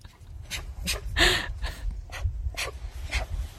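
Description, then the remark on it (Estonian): A young bear cub vocalizes in a series of about seven breathy, huffing pants in a steady rhythm, with one louder, strained cry near the middle over a low rumble. “See oli üks noor karu.”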